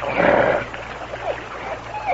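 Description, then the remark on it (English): A dog in a canoe growls, a loud rough snarl in the first half-second that eases into softer, broken rumbles and short whines. No one speaks. “Now, easy, boy. Good dog.”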